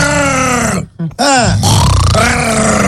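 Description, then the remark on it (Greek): A person imitates a pig with loud, throaty grunts and squealing snorts, rising and falling in pitch, broken by a brief pause before the noisy vocal grunting resumes. “Κάνει και το γουρούνι.”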